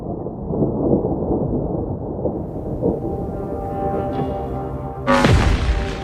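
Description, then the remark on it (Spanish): Deep, continuous rolling thunder from a storm approaching the LOFAR radio telescope in summer 2018 rumbles for several seconds, then a sharp, louder crack bursts in near the end and sinks into a falling boom. No voices are heard. “Cuando se acercaba una tormenta, LOFAR registró un hito internacional.”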